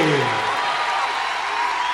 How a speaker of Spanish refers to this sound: Señoras y señores, sonoridades propias de estos tiempos que los convierten en los nuevos trovadores también, con toda esta gente que está de pie aplaudiéndolos aquí en la Plaza Próspero Molina y que está reclamando.